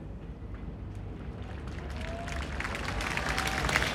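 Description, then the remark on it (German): A large crowd applauds outdoors in the Donaupark in Linz at the end of the Linzer Klangwolke, the dense, steady clapping swelling gradually louder over a few seconds, with a low rumble of crowd noise underneath and no clear speech. “Applaus hier im Donaupark für die Linzer Klangwolke at the end.”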